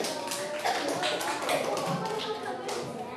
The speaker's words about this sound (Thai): โอเคมีใครถูกทั้ง6ข้อยกมือเก่งมากปรบมือตัวเองหน่อย